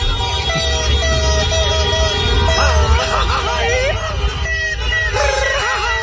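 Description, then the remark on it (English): A dense, continuous street din of blaring car horns over heavy low drumming from drum kits, with fireworks, loud, with crowd voices mixed in throughout, at night right outside the hotel rooms of Team Ecuador. “Drums, fireworks, car horns.”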